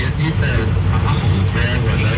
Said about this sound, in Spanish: Tráfico de todos los días.